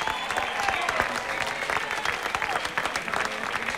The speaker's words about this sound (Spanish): un aplauso fuerte.